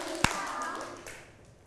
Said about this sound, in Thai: ปรบมือหนึ่งครั้งปรบมือหนึ่งครั้งปรบมือสองครั้ง